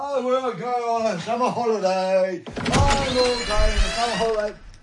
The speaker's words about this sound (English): So, going to open the door to the outside world then